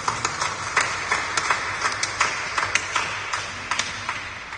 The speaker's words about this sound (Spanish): Palmas al Santo Evangelio.